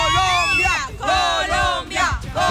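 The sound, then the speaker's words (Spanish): A loud crowd at the Colombia national football team fan zone cheering and yelling, many voices rising and falling in sustained whoops and shouts that surge in repeated waves. “A ver el ambiente que se sienta.”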